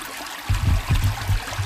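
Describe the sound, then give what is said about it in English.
A brook flows steadily with a constant rushing wash of water, joined after a brief moment by low, uneven sloshing pulses as people wade up the brook through the current during electrofishing. No one speaks. “So right now we're in the water and we kind of like systematically work our way up the brook.”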